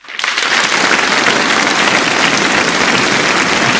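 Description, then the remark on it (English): A crowd breaks into steady, dense applause: many hands clapping together in a continuous, hissing roar that holds at an even loudness for several seconds, with no voices over it. “Thank you to the crowd.”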